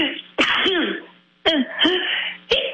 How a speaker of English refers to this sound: excuse me. Bless you. Thank you.